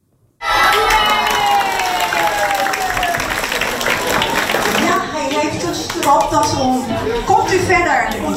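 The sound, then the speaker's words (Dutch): Loud applause and cheering from a group of schoolchildren at primary school De Taaltoon, welcoming mayor Hein van der Loo, who came to read a book aloud; dense clapping with excited shouts that begins abruptly and carries on steadily, with young voices calling out over it. “En hij werd daar met luid applaus ontvangen.”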